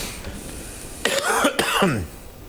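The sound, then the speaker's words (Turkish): A couple of harsh coughs and throaty clearing sounds from someone not yet fully over the flu, loud and rasping, breaking through a quiet background over about a second. “Hasta gribi tam olarak atlatamadım. Şu öksürük işini.”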